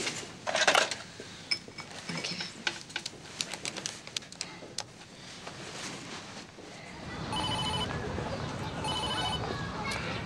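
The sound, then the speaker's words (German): Clattery handling noises give way to a hissy phone line and two evenly spaced ringing tones of an outgoing call, each about a second long, thin and moderately loud. “Ich muss sie mal anrufen. Gib's mir. Ich will sie nur anrufen. Gib mir bitte das Telefon, ja?”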